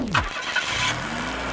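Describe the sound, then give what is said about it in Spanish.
A car engine cranks briefly, then catches and settles into a steady running hum with no voices present. “cree que cualquier problema del coche se puede arreglar escuchando el motor.”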